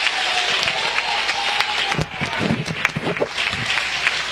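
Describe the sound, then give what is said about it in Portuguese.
An audience at a church service applauds for Jesus, a dense wash of many hands clapping at a sustained, fairly loud level, with some voices rising through the crowd noise in the second half. “Aplausos para Jesus.”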